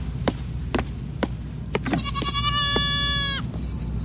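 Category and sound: animal, goat bleating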